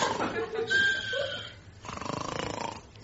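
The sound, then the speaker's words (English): A man sleeping inside a filing cabinet drawer in a records office snores in two long, rasping bursts, each a drawn-out breath with a rough, fluttering texture, moderately loud with a short pause between them. “I can hear a noise like snoring, too.”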